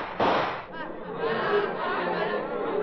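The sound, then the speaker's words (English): A single loud gunshot from a man's gun cracks out near the start with a brief echoing burst, followed by a murmur of excited crowd voices carrying on beneath. “Watch, I'll show you with the fire from my gun.”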